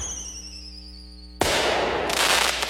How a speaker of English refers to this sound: before the sky lights up with a spectacular fireworks finale.